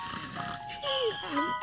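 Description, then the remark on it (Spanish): Cartoonish snoring by the story character Tyler, early in the big city, apparently voiced, with a rasping inhale followed by two whistling tones that glide down and back up, moderately loud over a soft background hum. “Tyler está roncando como de costumbre y el señor cobaya estaba junto a él.”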